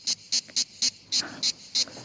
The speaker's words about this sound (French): Et ça, c'est la cigale. Ouais, ça sent l'été.